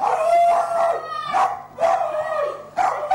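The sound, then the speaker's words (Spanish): A dog lets out a series of drawn-out, wavering howls broken up by short barks, three or four loud bursts with brief pauses between them and no talking. “No le sale la voz. Y el perro nada más.”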